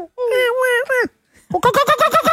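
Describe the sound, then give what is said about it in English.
A person imitates a kookaburra call as a bird sound effect during Bird Week on the Christian O'Connell Show: a wavering, hooting vocal note, a brief pause, then a fast run of about eight loud, rhythmic laughing pulses. “That's pretty good kookaburra.”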